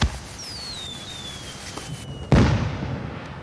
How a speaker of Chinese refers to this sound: 妈，爸，来看烟花，放烟花了。